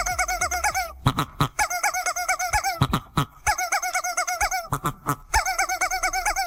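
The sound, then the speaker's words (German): Two chickens cluck and cackle in quick repeated bursts, overlapping each other within a song punctuated by sharp percussive hits. Loud and continuous, with no talking. “Weil da direkt zwei Hühner zusammen gackern und musizieren.”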